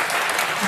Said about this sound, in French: Et ils applaudissent,